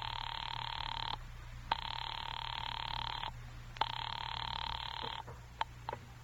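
A telephone ring tone heard down the line while calling an office: three long, steady electronic buzzes separated by short pauses, over a low hum with a few faint clicks, and no one speaking.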